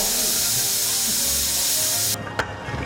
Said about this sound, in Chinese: 高压锅，卸去压力锅就可以打开了。这时候我们看见呢，鱼头已经基本上压好了，但是呢，还要大火来收一收汤汁。